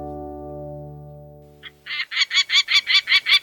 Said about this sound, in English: Peregrine falcons like this one typically fly between 35 to 60 miles per hour, but they can reach over 200 miles per hour during a dive.